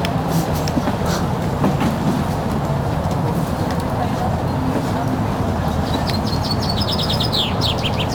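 Birds chirp and tweet in quick bursts outdoors, growing busier near the end, over a steady low rumble of distant traffic.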